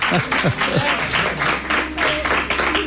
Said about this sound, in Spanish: Qué bien suenan esos aplausos, qué bien suenan.